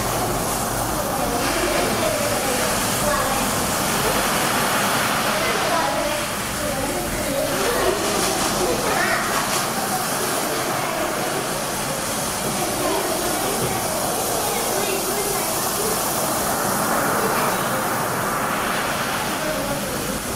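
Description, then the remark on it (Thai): Sea waves crash continuously in a loud, steady roar, the surf washing in without clear breaks for the whole stretch, with no talking over it. “เสียงดังใช่ไหมคะเสียงดังนะคะแล้วก็มีเสียงอะไรอีกเสียงยาวใช่ไหมคะเราจะได้ยินคลื่นนะคะซัดตลอดเวลาเลยใช่ไหมคะเสียงก็จะเป็นยังไงเสียงยาวนั่นเองนะคะ”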